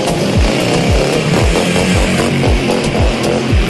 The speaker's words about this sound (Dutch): Voor het experiment lieten ze deze vrouw op een grote motor langs die camera scheuren.